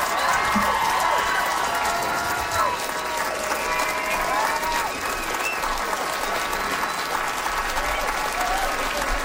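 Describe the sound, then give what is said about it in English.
Sustained audience applause for a comedian finishing a comedy set, dense and steady throughout, with scattered whoops and cheers rising over the clapping. “Another round of applause”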